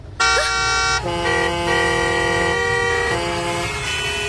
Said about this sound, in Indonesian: Habis itu, kalau lampu hijau, jangan lupa pencet klakson. Hah? Pencet klakson, Pak? Bukannya kalau lampu hijau itu harusnya... Pencet klaksonnya, pencet, pencet!